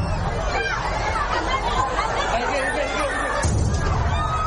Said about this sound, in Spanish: En que se produjo una de esas explosiones que ha dejado, como decimos, más de 40 heridos.